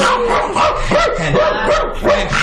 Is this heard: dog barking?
yes